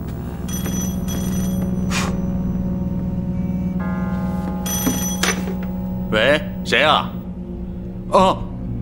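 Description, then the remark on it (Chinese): A telephone rings in short, warbling bursts, three of them, over a steady low hum and faint background sounds. “接完电话再说吧。”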